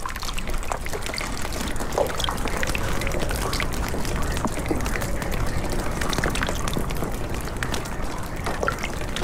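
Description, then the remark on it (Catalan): Water drips and pours steadily from melting snow during a thaw, with a continuous splashing trickle and scattered individual drops tapping, no voices present. “A esta sinfonia de gotes d'aigua la segueixen les acústiques de les canonades dels desaigües, les cornisses de les teulades i els corrents d'aigua que brollen per tot i s'uneixen a eixe xicotet rierol”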